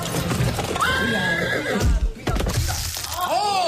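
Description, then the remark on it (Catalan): Carriage horses whinny loudly and repeatedly as a driver's reins become tangled, their high wavering neighs rising over a steady clatter of hooves on hard ground, busy throughout. “Després de tot el sidral, els nuvis se'n van del palau i a mig trajecte, un dels conductors dels carruatge se li entortolliguen les regnes dels cavalls.”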